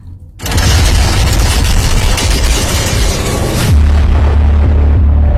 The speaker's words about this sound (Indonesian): Pendengar, seperti inilah suara mesin mengerak perahu penambang pasir manual yang terus bergerak dari tepi Sungai Brantas, Kota Kediri, menuju titik penambangan yang berada di tengah delta Sungai Brantas.